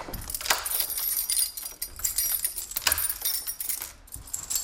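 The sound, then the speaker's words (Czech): Keys jangle and metal clicks and clanks in quick, irregular bursts as the heavy door of an original 1904 vault room in a former Sparkasse savings bank building is unlocked and pulled open, with a few dull low thuds and no talking. “Otvíráme těžké dveře původní trezorové místnosti z roku 1904.”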